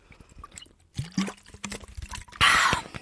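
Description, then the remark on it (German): Water is poured into a glass with a gurgling, rising tone, followed by a short, louder splash and a quick slurping sip, with no talking. “Moment, ich muss kurz einen Schluck trinken.”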